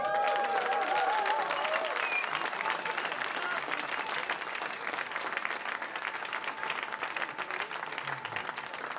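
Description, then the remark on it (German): An audience applauds steadily for several seconds, welcoming a new member of the performing group at a live programme, a dense wash of clapping with a few whoops and whistles rising over it near the start. “Give it up.”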